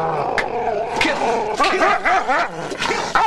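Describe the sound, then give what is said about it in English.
A Doberman growls and barks, with a rough continuous snarl broken by several sharp, loud barks in quick succession, no talking over it. “Having given the Doberman the stolen pink petticoat to smell, Ken removes the dog's muzzle.”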